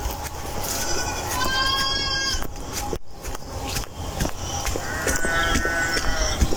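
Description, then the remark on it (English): Two pygmy goats, Vernon and Basil, bleat loudly for their food, two long wavering cries separated by a short pause, set against a busy, noisy farmyard background. “That's a goat. The pygmy goats, Vernon and Basil.”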